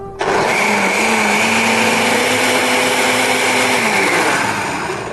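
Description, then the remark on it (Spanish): A food processor whirs loudly and steadily for about five seconds, its motor hum dipping slightly in pitch as it blends a thick paste with water and lemon added, with no talking. “Y ahora vamos a un poco procesarlo.”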